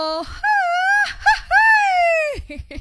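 A traditional Mexican grito: one voice lets out two long, high-pitched wavering yells, the second longer and trailing off, loud and close with a short break between them.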